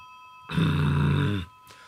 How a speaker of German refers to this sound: Das Klingeln macht mich wahnsinnig